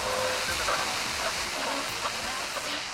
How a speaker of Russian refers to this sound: Отводит ладонь в сторону под каплю. Медленно опускает зонт назад, поднимает лицо к дождю.